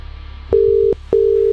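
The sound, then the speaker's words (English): Two steady, evenly spaced electronic telephone tones, each lasting under half a second with a short gap between, heard clearly over a low hum, like a line ringing out. “Who are we ringing?”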